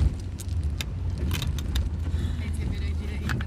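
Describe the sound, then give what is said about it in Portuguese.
An old car's engine drones low and steady while short, sharp high-pitched squeaks and rattles from the car break through again and again at irregular intervals, fairly clear. “Então, olha esses agudinhos que ele faz.”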